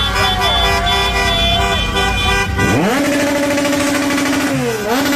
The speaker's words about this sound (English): Revving the engines of their cars. Everybody's honking outside the hotel.